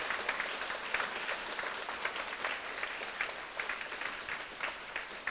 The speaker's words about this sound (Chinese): 我们再给我们吴老师一个热烈的掌声